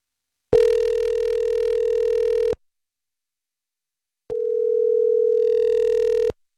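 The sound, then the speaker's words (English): Two long, steady ringback tones of an outgoing phone call placed by a radio host to a woman, each about two seconds, separated by a silent pause. The tone is loud, as if heard through the line, with no voices. “I'm going to give her a call.”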